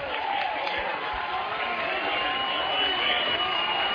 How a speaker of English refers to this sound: And the three or four rows of South Dakota fans are the only ones cheering right now.